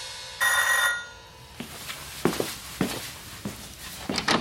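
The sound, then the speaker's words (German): A doorbell rings once, a short, bright, buzzy electronic tone lasting about half a second, followed by a series of soft, uneven thumps like footsteps. “Nach einer Weile klingelte es an der Tür.”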